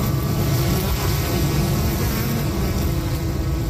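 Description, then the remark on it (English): A steady, droning hum of many backyard honeybees behind a fence in Regina, low-pitched and unbroken throughout, with a dense buzzing texture and no voices. “If you walk down a street here on a summer afternoon, you might hear a faint collective hum coming from behind a neighbor's fence.”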